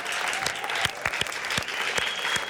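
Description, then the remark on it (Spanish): Steady applause from a group, dense rapid clapping with a few sharper individual claps standing out, sustained at an even, moderately loud level throughout. “Un fuerte aplauso.”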